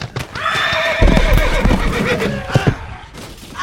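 A horse whinnies in a long, wavering, high-pitched call that rises and trembles before breaking off, followed by a couple of short snorting bursts and faint hoof clops.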